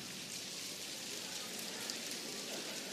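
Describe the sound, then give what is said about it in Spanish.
An audience's steady, dense patter of soft two-finger claps mimics rain starting to fall on the countryside, a continuous light hiss of tiny taps at an even moderate level, with no voices. “Esa es la lluvia que empieza a caer sobre el campo.”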